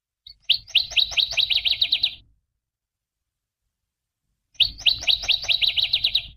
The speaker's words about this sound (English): we're talking about spring migration, which is fully underway now, and northern water thrushes will be back soon.